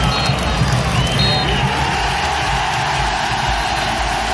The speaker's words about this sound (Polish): Wczoraj Wisła wygrała z Chrobrym Głogów 2-0. Po końcowym gwizdku nastąpił wybuch radości na stadionie.